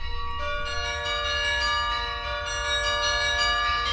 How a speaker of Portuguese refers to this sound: Os espetáculos têm lugar no Palácio Nacional de Mafra, que abriga um dos maiores carrilhões históricos do mundo, mas o som vindo do cimo das torres vai ser audível para todos,